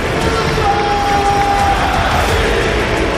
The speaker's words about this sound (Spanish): Te pone la piel de gallina realmente oír al estadio cómo ruge apoyando a un jugador como Diakabi, pero lo has comentado tú, es un jugador muy querido, de verdad.